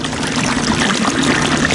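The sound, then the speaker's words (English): Meltwater from a melting glacier in the mountains of Alaska trickles and pours in a steady, unbroken wash of bright, splashy noise with a low undertone, holding a constant loudness throughout with no voices. “This is what a melting glacier sounds like.”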